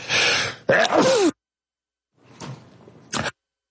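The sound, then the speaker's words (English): A person sneezes loudly in cold weather, bursting out with a breathy, voiced cry, followed after a pause by softer sniffing and a short sharp exhale. No talking. “Me, I'm sneezing here.”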